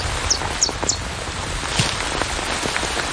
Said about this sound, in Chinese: 雨下得更大了，雨滴顺着树叶滑落，淋湿了巢中的欧戈东雏鸟。